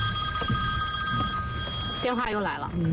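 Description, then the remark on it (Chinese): A mobile phone rings with a steady, sustained electronic tone over a low background murmur during the rainy mid-season rice harvest; toward the end a person starts talking as the ringing continues faintly. “电话又来了。”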